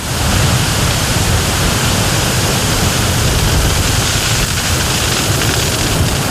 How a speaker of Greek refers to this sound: Αυτή τη στιγμή, όπως βλέπετε και εσείς, έχουμε ισχυρούς ανέμους στην περιοχή.